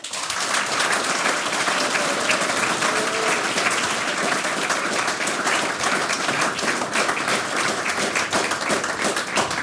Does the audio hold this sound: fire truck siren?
no